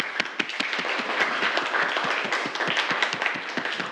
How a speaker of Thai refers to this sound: ปรบมือให้เพื่อนเลยนักเรียน